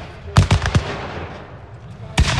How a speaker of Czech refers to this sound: Střelba a dělové saldy při rekonstrukci byly ovšem jenom zlomkem toho, co tady na bojišti znělo před 160 lety.